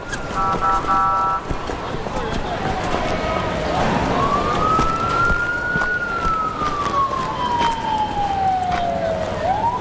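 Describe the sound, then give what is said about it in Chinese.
An ambulance siren wails loudly at a mine site, its pitch sweeping slowly up and then gliding down over several seconds, against a busy, noisy background with people's voices mixed in. “赶紧扶救护车 这里 边，快快快快！”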